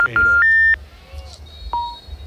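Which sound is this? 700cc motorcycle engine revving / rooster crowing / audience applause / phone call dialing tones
phone call dialing tones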